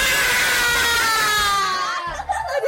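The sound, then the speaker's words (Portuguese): A group of children in a studio shout "Viva!" together for all the teachers of Mozambique in a loud, sustained cheer lasting a couple of seconds, then trail off into scattered voices. “Para fecharmos o nosso cantinho com chave de ouro, quem é que quer gritar bem alto uma viva para todos os professores de Moçambique?”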